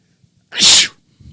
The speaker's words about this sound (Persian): اگه من عطسه کنم همه باید بگن عافیت باشه، عافیت باشه.